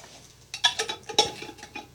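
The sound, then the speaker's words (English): A utensil scrapes and clinks against a jar while stirring a thick dough mix of flour and water, a quick series of bright knocks and scrapes, with faint background noise. “Now he's starting to stir the mix and it all up.”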